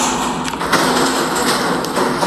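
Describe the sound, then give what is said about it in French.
The metal hatch giving access to a dwelling's wind turbine bangs irregularly, four or five dull thuds standing out over a steady, loud hiss of pouring rain. “On a un souci avec la trappe qui donne accès à l'éolienne, qui fait un boucan pas possible.”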